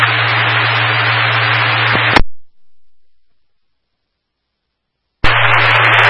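Loud, harsh radio static hisses steadily for about two seconds, cuts off abruptly into silence, then bursts back in near the end. A low steady hum runs beneath the hiss.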